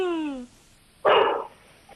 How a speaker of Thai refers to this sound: ที่บ้านอ่ะต๊อกแต๊กมันเห่าแล้วจะเสือมาแล้วมั้ง ได้ยินด้วยเหรอ